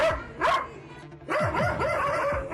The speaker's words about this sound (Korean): 그런데 갑자기 소란스러워졌습니다. 승마 체험을 위해 어린이들이 방문한 건데요. 갑자기 개 짖는 소리도 선명하게 들립니다.